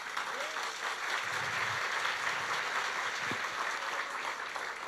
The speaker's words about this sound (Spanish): Demos los aplausos.